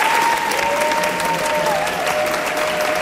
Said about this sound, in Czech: Ještě než převzal výroční cenu Asociace českých filmových klubů, pobavil 76-letý komik po projekci Švankmajerova snímku Spiklenci slasti zaplněný sál, který ho vyprovázel nadšeným potleskem.